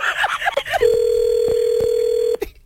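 A telephone ringing tone: one steady, unbroken electronic tone holding for about a second and a half at moderate loudness, after a brief burst of voices and clatter.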